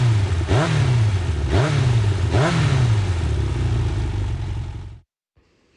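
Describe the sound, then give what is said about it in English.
A Yamaha motorcycle engine revs loudly three times in quick succession, each throttle blip rising and falling over a steady rumble, then the sound cuts off abruptly into near silence. “Yamaha revs your heart.”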